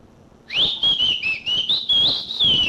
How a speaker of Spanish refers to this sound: Silve, chiflele usted, hombre. Ahí voy, pues. Yo le voy a silbar.